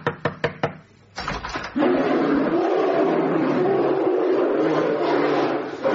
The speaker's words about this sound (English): Yeah, you see, the unmistakable sound of the sound effect disc of an enormous brown bear.